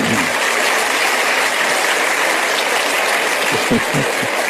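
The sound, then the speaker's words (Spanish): Sustained audience applause, a dense steady wash of many hands clapping at even loudness throughout, with a few faint voices briefly rising near the end. “No sé exactamente qué aplauden, pero me imagino que es a Víctor Hugo, ¿no es cierto?”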